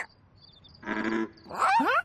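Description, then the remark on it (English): Two frog croaks answer each other: a buzzy, raspy call, a brief pause, then a louder, sweeping reply, against a quiet background with faint high chirps. “Listen, the froggies are croaking back and forth.”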